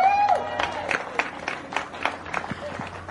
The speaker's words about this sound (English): And for our junior winner out here today, another round of applause for Maxime Direkt.